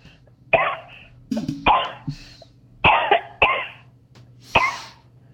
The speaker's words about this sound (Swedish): Oj då. Nej, en jävla hosta.